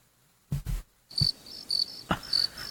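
Crickets chirp in steady repeating pulses at a moderate volume, punctuated by a few soft thumps, with no one talking.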